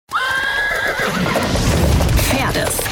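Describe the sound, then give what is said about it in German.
A horse whinnies loudly, a long wavering neigh, with a busy rumble of hooves and movement underneath and a brief voice blending in, at an open-air stage show with action and fire in Mörschied. “Erlebt das Pferd, das fünfte Element.”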